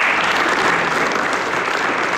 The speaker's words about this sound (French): Les applaudissements du coup pour ce conseil communal de rentrée hier à Charleroi.